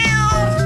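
A cat lets out a short meow, loud and clear with a slightly wavering pitch, heard on its own with no voices.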